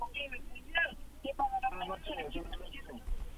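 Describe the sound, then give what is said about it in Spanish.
Voices come through a telephone line during an incoming call to a live radio program, sounding thin and slightly distorted, with a brief steady tone mixed in partway through. “Tenemos llamada telefónica, contesta ….”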